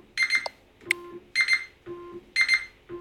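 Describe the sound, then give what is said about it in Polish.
A Joy-Con 2 game controller, with its button held down, alternates haptics with beeping: short, bright, high-pitched electronic chirps repeat several times, separated by low, steady vibration buzzes. No one speaks. “Takie buczenie. Tak, to jest właśnie haptyka, a później taki pisk.”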